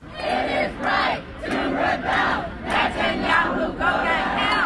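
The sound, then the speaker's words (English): A crowd of protesters, including elected officials, chants in unison while blocking First Avenue near the United Nations headquarters in New York, ahead of Israeli Prime Minister Benjamin Netanyahu's UN General Assembly speech. Loud, rhythmic bursts repeat roughly every half second to second, many voices shouting together with no single speaker standing out. “Dozens of protesters, including elected officials, were arrested yesterday afternoon for blocking a street near the United Nations headquarters.”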